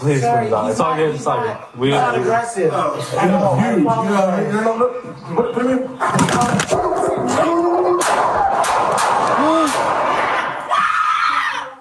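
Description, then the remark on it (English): Four sharp, loud gunshots ring out in the second half, spaced a second or two apart, amid tense shouting and overlapping voices, after a stretch of urgent talking, recorded on a police body camera as an officer fires at a woman's pet dog, a golden retriever poodle mix. “Four gunshots.”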